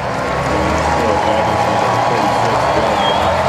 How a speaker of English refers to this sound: And Malley about to get a big standing ovation from this Sunday afternoon crowd.